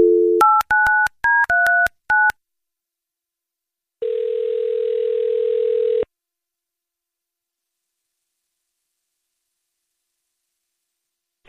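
A quick run of touch-tone beeps dials a number to call a man's wife for the Confession Calls segment of the Jesse and Anna radio show, each key a short dual-pitched blip, followed by a steady two-second ringback-style tone, then silence. No one speaks.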